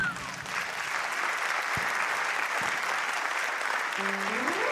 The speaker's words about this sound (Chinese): 好，谢谢大家，感谢大家的今天的掌声鼓励，好，谢谢哦。